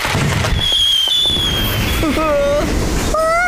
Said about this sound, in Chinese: 喂，大晚上的怎么这么吵？还有，放烟花的话着火了该怎么办？